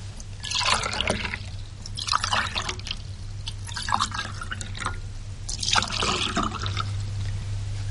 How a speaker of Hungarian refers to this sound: Itt a bugykos, az asztalon. Töltsenek. Igyanak.